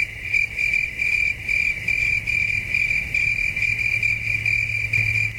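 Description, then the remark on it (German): A steady, loud chorus of cicadas, played from a recording, drones continuously with a shrill pulsing buzz, layered over a low hum, with no voices present. “Das Zirpen der Zikaden kommt vom Band, die Kulisse ist echt.”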